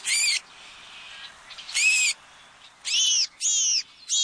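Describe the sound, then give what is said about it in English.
House finch calls ring out four times, loud: harsh, strained cries spaced unevenly over a few seconds, with faint hiss between them and no voices. “Although the American crow may seem rather blasé about pillaging another bird's nest, like that of this house finch.”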